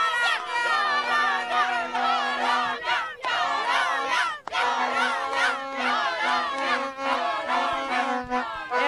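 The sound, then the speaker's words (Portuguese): A crowd of Colombia supporters shouts a Colombian cheer as a rhythmic chant in unison, loud, with dense overlapping voices rising and falling in bursts over nearly nine seconds, a brief pause near the middle. “Como é que é o grito? Eu quero ver o grito agora da Colômbia.”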